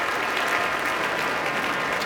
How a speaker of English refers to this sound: Now all of the musicians of the Boston Symphony standing to receive a very enthusiastic applause as La Mer is one of those pieces you want to hear this orchestra perform.